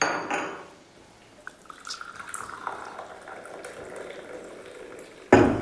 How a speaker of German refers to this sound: Können wir uns ja erstmal einen Kaffee einschenken?